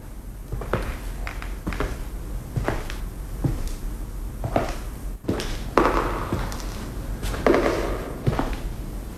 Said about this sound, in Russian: Эхо. Шаги отзываются эхом. Это не эхо. Чьи-то шаги.